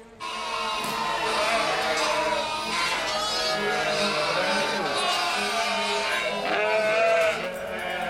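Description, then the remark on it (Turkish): A flock of Merino sheep bleats almost continuously on a farm, many overlapping calls forming a dense, steady chorus with no pauses throughout. “Çiftlikteki Merinos koyunlarının çoğu çoktan doğum yaptığından çiftçiler son birkaç geciken koyunu gözetim altında tutmak zorundalar.”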